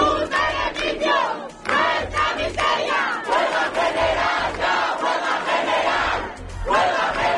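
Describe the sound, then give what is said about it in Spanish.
A large protest crowd in Spain, camped for days at the Puerta del Sol and following the vote in Congress, shouts and chants together in loud, sustained waves of many overlapping voices, with rhythmic surges and brief dips throughout. “Y en simultáneo, la multitud que llevaba días acampados en la Puerta del Sol seguían minuto a minuto de la votación a las puertas del Congreso.”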